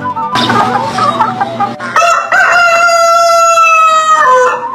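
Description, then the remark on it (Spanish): A rooster crows loudly as a wake-up alarm at 8 o'clock, a long harmonic cock-a-doodle-doo that starts with a rough, clucking burst and then holds a bright, sustained note for a few seconds before cutting off. “Con esta alarma así no se puede.”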